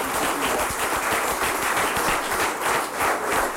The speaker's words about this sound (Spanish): Y veo allá al gobernador. Muchísimas gracias por estar aquí. Su esposa, muchísimas gracias. Dios les bendiga por estar aquí, pues, en la comunidad. Vamos a darles un aplauso, pues, para ellos también.